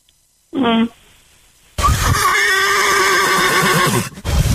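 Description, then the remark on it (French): A person imitates a horse whinny: a short falling squeal, a pause, then a long, loud, quavering neigh that breaks off abruptly. “Vous m'y refaire le bruit cheval?”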